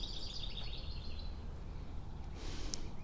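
Birds around an old dead tree: a rapid, high-pitched bird trill chirps for about a second and a half, then fades, leaving a low outdoor rumble with a soft brief hiss near the end. No one speaks.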